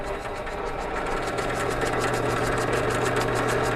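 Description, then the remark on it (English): A steady mechanical motor hum with a low tonal drone and rapid rhythmic pulsing from a drill press spinning a blade that mixes the solution for making sponges, running continuously at moderate loudness with no voices. “This is just, we actually used to use a drill press like this to mix. So you just turn it on and then it runs a blade that mixes the solution.”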